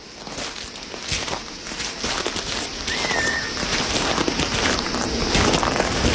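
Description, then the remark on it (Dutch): Steady footsteps swish and crunch through dry grass as people walk across an open grassland plain with scattered bushes and rows of trees, with a faint bird call briefly rising in the background of the open, breezy outdoor space. “We lopen over een open vlakte, maar we zien wel ook wel her en der bosjes, hè?”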